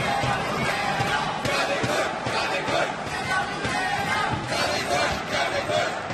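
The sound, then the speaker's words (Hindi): A large stadium crowd of Indian fans at a badminton match of Treesa and Gayatri chants loudly and continuously, many voices roaring "Pullela Pullela" and "jolly good" together in rhythmic bursts that fill the space without a break. “बार बार stadium Pullela Pullela jolly good के नारों से गूंजता।”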